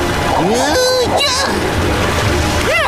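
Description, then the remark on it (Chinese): Loud, steady rushing river water with a fast current in the middle fills the whole clip, with bursts of splashing, as a character is swept toward a waterfall and voices cry out for help over the roar of the current. “哈罗德就要顺着水流摔下瀑布了。”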